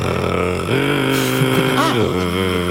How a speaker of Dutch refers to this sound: Heb je een ezelsbruggetje voor de nachtzwaluw? Ja, hij klinkt eigenlijk een beetje als een motortje. Maar die wel af en toe van versnelling verandert.